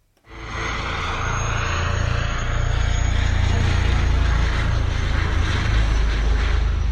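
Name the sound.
helicopter flying over mountains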